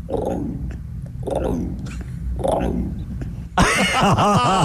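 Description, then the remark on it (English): A person imitates an emu call with three deep, rumbling, throaty booms at an even pace, then breaks into a louder, brighter burst of voice. “Oh, yeah, give us an emu.”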